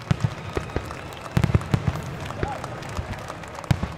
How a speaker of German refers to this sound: Heute ist das Duisburger Hafenfest ein Riesen-Event, eine große Kirmes mit lauten Fahrgeschäften und bunten Buden, aber auch mit Live-Musik und einer Schiffsparade mit beleuchteten Booten. Und natürlich gibt es als Höhepunkt auch ein Feuerwerk.